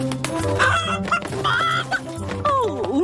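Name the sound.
chicken clucking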